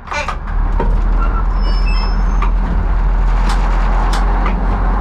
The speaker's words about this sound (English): The 40-ton train slowly rolls down the tracks of Prague's main station.